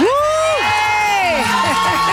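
A loud crowd cheers and applauds, with high, sliding whoops and shrieks rising over a steady wash of clapping and screaming for the whole two seconds.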